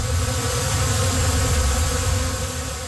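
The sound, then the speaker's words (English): A steady, dense hum of bees buzzing inside a hive used for bee bed therapy, low and droning, continuous throughout with no pauses and no voices. “There's no electricity to it. It's all the bees.”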